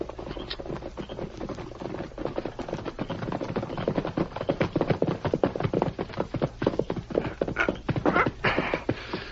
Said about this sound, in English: There's a horse coming, Sheriff.